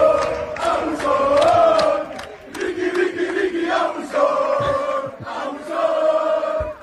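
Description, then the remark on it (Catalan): Basketball fans of the Penya chant "Ricky, Abusón" in unison, the nickname of Ricky Rubio. It is a loud, sustained group shout repeated in rhythmic phrases of a couple of seconds each, with voices rising and falling together. “És que aquest crit, els de sempre, tota la vida de la penya, ja li cridaven quan estava en categories inferiors perquè era un abusón.”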